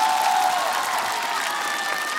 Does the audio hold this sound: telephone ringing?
no